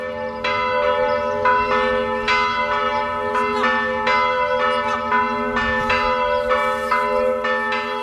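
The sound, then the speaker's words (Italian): Festive church bells of the Pieve di Romena, a 12th-century Romanesque church in Casentino, ring out in a steady, overlapping peal, repeated strikes blending into a rich, sustained metallic hum with no voices present. “Le campane della festa annunciano la prima tappa del nostro viaggio, la Pieve di Romena in Casentino.”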